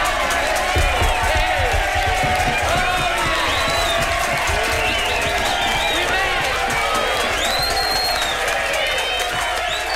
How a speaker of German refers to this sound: Applaus.